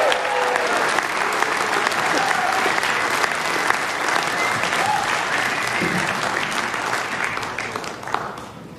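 A crowd applauds steadily for about eight seconds, a dense wash of clapping with scattered sharper claps, easing off slightly toward the end.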